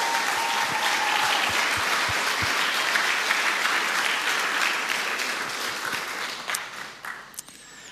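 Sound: audience applause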